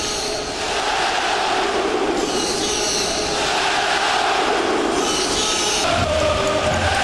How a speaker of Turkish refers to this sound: Ve herkes onun tezahüratını söylüyor.